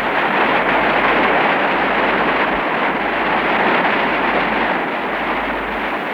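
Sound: roaring river rapids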